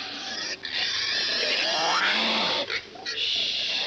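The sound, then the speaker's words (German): A pig grunts and squeals in loud, harsh bursts, with brief pauses between the calls, sounding like several animals jostling and complaining together. “So, nun reden Sie mit dem süßen Schweinchen.”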